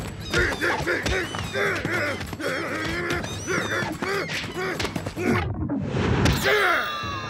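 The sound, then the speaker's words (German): A bird squawks harshly again and again amid frantic wing flapping and thumps of a scuffle, loud, ending in a sudden burst of noise. “Zisch ab, du dummer Vogel!”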